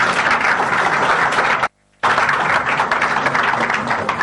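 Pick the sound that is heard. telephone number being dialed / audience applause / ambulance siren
audience applause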